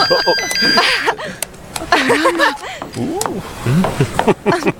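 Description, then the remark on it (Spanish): A phone rings with steady electronic tones at the start, quickly overtaken by overlapping, animated voices talking and exclaiming. “voy a contestar. Dame mi teléfono.”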